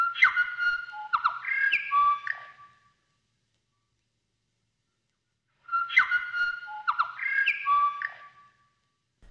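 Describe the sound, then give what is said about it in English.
Two clear phrases of New Zealand bellbird (korimako) song, each about two and a half seconds of rich, bell-like whistled notes, separated by silence and heard alone. “The Korimako, the bell bird.”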